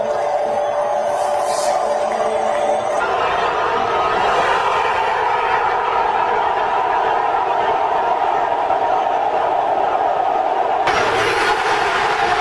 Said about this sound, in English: Roar of that crowd, man, is unlike anything you'll ever hear. Absolutely special stuff last night out at SoFi. The audio doesn't even do it justice, man.